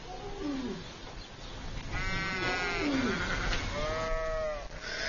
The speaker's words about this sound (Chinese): 分娩中的母羊非常痛苦。在几个小时的挣扎和嘶嚎后，它终于生下了小羊羔。